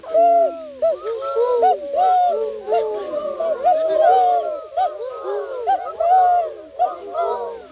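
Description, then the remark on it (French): A human voice imitates a turtle dove's cooing, with soft, rounded hoots rising and falling in a steady, continuous run. Overlapping layers make it seem like several voices. “Et la tourterelle, c'est tout, tout, tout.”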